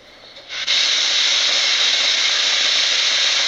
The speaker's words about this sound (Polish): Jestem w łazience, puszczę wodę w wannie na chwilę. Tylko tak, żeby mi się to nie zalało gdzieś.